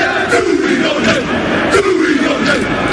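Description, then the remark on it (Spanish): The All Blacks, New Zealand's rugby team, chant a haka war cry in loud, rhythmic unison, deep voices rising and falling with sharp shouted accents, backed by steady crowd noise throughout. “Hasta la capital vallisoletana se van a acercar los mejores equipos del mundo, entre los que están los All Blacks, conocidos por su jaca, ese grito de guerra que estamos escuchando.”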